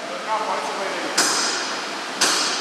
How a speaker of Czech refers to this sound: Bednáři už se připravují, tak možná uslyšíme bušení a rány na obruče.